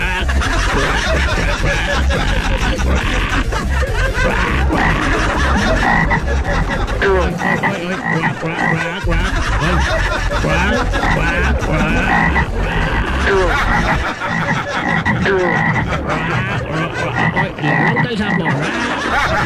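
A loud, dense chorus of toads croaking nonstop, the rasping calls overlapping in a steady, unbroken wall of sound.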